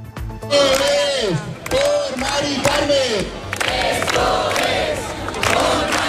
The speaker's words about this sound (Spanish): Ya lo han escuchado, este es el sonido que nos llegaba desde la Puerta del Sol, desde donde cientos de personas se han trasladado al Congreso coincidiendo con la votación de los decretos.